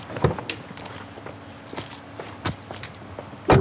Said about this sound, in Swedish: lägger in Bertil i bakluckan på bilen.